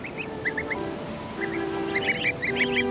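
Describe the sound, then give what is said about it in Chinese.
High, thin peeping calls from greylag goose goslings, still too young to fly, on grassland by the water, come in quick clusters, sparse at first and then busier and overlapping, over a steady low background hum. “好在一旁的灰雁雏鸟更容易得手。”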